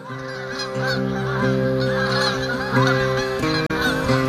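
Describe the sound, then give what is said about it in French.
A flock of geese honking continuously, many overlapping nasal calls forming a loud, dense chorus that fills the whole stretch without pause. “Vous les avez entendus? Vous êtes sortis? C'est le grand jour de l'oie !»”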